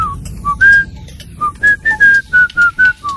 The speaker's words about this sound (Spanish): Yo me quedo con el silbidito, ¿eh? Con el silbidito me quedo yo.